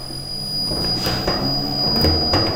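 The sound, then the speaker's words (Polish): A honey extractor, loaded with the heaviest pieces placed opposite each other for balance, then closed and switched on, spins honey with a steady mechanical whir: a broad rushing drone with a thin constant high whine and a low rumble, plus a few soft knocks, and no voices. “I tam słychać ten szum tego wirowanego miodu.”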